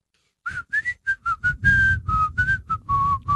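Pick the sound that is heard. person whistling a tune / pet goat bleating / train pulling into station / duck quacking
person whistling a tune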